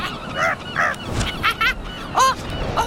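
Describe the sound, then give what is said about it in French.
A large gull (goéland) calls several times in a loose, irregular series of harsh, nasal cries, clear over a low background rumble. “On se ressemble beaucoup, mais moi, le goéland, je suis bien plus grand qu'elle.”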